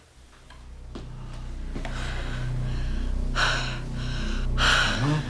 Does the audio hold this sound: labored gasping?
yes